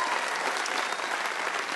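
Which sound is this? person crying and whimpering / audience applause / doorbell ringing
audience applause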